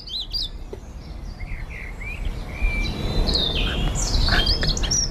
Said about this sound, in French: C'est vous qui l'avez choisi, ce sont des oiseaux qu'on écoute en ce moment.